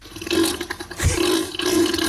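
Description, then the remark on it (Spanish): Low, rumbling grunts from a sea animal called Neil, a steady throaty drone with a rough, wet texture and a brief deeper thump midway, fairly loud throughout with no talking. “Esta es una grabación real de los gruñidos de Neil.”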